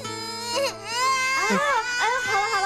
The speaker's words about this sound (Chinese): 怎么哭了？不哭啊，妈妈抱抱。 他怎么哭了？ 宝宝不哭了。